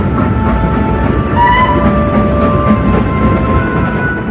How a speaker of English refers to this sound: The train began to move forward so fast that it was frightening.